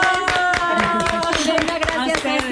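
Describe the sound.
An audience applauds steadily for a few seconds, a dense patter of close, loud hand claps with voices calling out and cheering over it.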